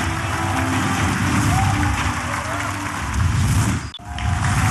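Loud, steady applause from an audience on the show Yellow River Culture Conference (黄河文化大会), welcoming two contestants onto the stage: a dense wash of many hands clapping at once that holds for several seconds, briefly dropping off before swelling back up at the end.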